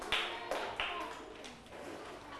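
A group of schoolchildren clap together in unison at their teacher's instruction, about five sharp claps at a steady pace, the first few crisp and loud, the later ones softer and blurred.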